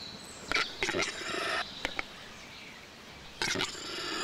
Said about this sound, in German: Der Auerhahn. Das Balzritual des Auerhahns gehört zu den beeindruckendsten der heimischen Vogelwelt.